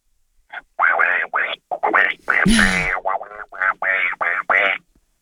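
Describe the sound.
A person does a squawky cartoon-duck voice imitating Donald Duck as a Disney character on a 5AA radio call-in, spitting out about a dozen rapid, buzzy, nasal quacking syllables. The run of bursts is loud, lasts around four seconds, and has no ordinary speech.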